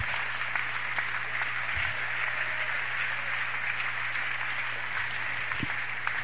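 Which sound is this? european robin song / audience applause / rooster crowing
audience applause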